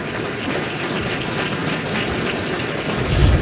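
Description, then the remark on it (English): An audience at the Akron Roundtable Signature Series Luncheon applauds steadily for Daryl Toll and moderator Marty Hauser, many hands clapping together in a dense, hissing wash that holds an even level throughout and swells slightly near the end, with no voices. “If we would celebrate them with a round of applause, please.”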